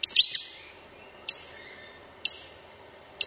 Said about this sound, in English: The hee-hee, the stitch bird.